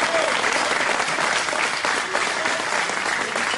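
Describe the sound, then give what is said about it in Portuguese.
A church audience applauds Jesus loudly and steadily, a dense, continuous wash of many hands clapping at once with no pauses, sustained at an even level throughout. “A melhor salva de palmas para o nosso Senhor Jesus, para o Rei da Glória, para o Rei da Glória.”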